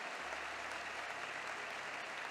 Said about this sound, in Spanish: Te damos aplausos, Señor. Te damos aplausos, Padre.